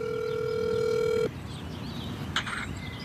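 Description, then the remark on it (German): A mobile phone's ringback tone sounds over speakerphone as a call is placed from a park in Eisenberg to home in Afghanistan: one steady electronic tone holds for just over a second, then cuts off. A faint click follows against a low background hiss. “das Handy in der Hand auf Lautsprecher gestellt. Er hält es nah an den Mund und ruft zu Hause in Afghanistan an.”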